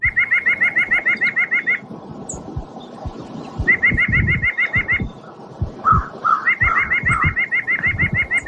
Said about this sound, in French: Si vous l'avez déjà reconnu à la maison, c'est que vous êtes quand même un bon connaisseur. C'est la citelle à poitrine blanche. C'est l'oiseau qu'on va parler aujourd'hui.